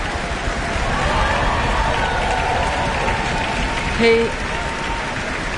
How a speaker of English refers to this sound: And Karl-Heinz Steffens is returning to the stage to receive his applause from the orchestra and the town hall.